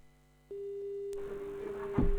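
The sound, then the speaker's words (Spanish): A steady telephone busy tone hums on without a break after a short quiet start, with background noise and a low thump near the end, after a phone call has dropped. “No, se fue la llamada,”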